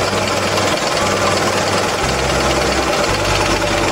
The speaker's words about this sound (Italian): Premendo su questa vite, questo regolatore del minimo. Praticamente se noi lo stringiamo poco poco e automaticamente alza il minimo alla macchina. Non esagerate chiaramente, dovete sentire l'orecchio, poco poco la macchina si accende.